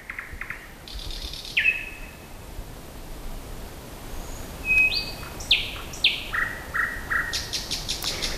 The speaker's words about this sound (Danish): Jo, Nattergalen. Jeg har selv lavet den her optagelse, og den kostede mig en del myggestik, og jeg var også nær faldet i en å, da jeg famlede rundt der i mørket rundt om Søndersø.